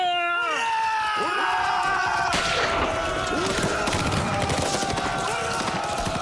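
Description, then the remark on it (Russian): Dense battle noise with a heavy blast from a 45 mm anti-tank gun partway through, destroying a machine-gun nest, surrounded by crackling gunfire and wailing, rising and falling voices or whistles that continue loudly throughout. “Выстрел сорокопятки ликвидирует пулеметное гнездо.”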